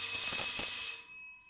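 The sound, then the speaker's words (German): A doorbell rings with a bright, shrill metallic jangle for about a second, then its high tones linger and fade away. No one speaks. “Ist da jemand an der Tür?”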